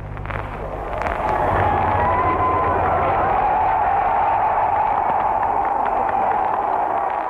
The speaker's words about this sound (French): On dit que quand Daladier a entendu la foule l'applaudir et l'acclamer, il aurait dit.